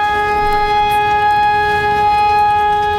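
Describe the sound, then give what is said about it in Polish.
A civil defense alarm siren, tested during the nationwide Alarm 2026 exercise to warn residents of danger, wails in a loud, steady, unbroken tone that holds at one pitch for the whole stretch, with no voices. “W całym kraju testowane są syreny alarmowe, które mają ostrzegać mieszkańców przed zagrożeniem.”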